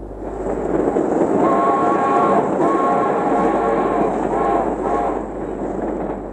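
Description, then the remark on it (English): A third-class passenger train rumbles steadily along the rails, the wheels clattering beneath a continuous metallic drone with faint squealing tones, loud throughout. “The girl sat upright on the hard wooden bench of the third-class train, gazing out of the window.”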